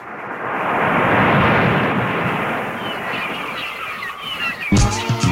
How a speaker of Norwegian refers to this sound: Men I tillegg, hvis jeg får bølgeskvulp og måkeskrik lagt på selve låta, da jeg jo ja, da jeg en liten ispytt.